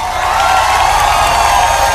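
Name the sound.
audience applause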